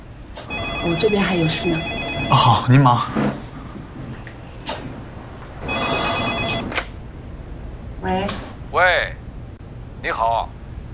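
A telephone rings in several warbling electronic bursts, loud, separated by short pauses, with some clattering movement in the background between rings.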